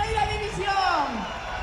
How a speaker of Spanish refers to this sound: De momento, en este caso, escoltados por la Policía Nacional, también por muchas cámaras. Como no puede ser de otra manera, llega el autobús, también la gente que lo grita.